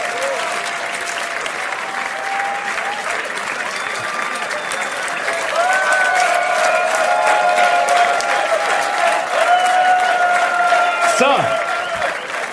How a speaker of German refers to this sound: Alles Gute dorthin, wo du gerade bist, und das ist nochmal euer Applaus. Die stillen Helden des Alltags und Herzensmenschen.